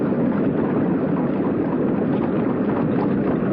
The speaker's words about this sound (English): It's just the sound of the water.